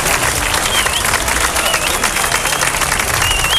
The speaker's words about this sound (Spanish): Ovación cerrada por parte de profesores y alumnos del José Cadalso al término de la concentración de Repulsa